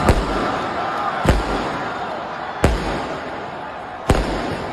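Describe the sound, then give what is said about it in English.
Four sharp fireworks bangs go off downtown a second or so apart, set off by stragglers among hockey fans leaving a watch party after the Habs won Game 7 against Buffalo; each a loud crack over a steady hiss of outdoor background noise, with faint voices murmuring underneath. “As hockey fans left the watch party, some stragglers threw garbage around, knocked down signs, and set off fireworks.”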